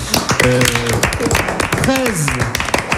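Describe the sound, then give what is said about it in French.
A studio audience applauds with dense, steady clapping that runs through the whole moment, while a few voices briefly call out over the applause. “C'est pas mal, on peut vous applaudir.”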